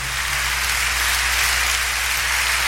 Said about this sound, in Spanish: Sí. Le dan un aplauso al Señor por esa presencia. Sí, Señor.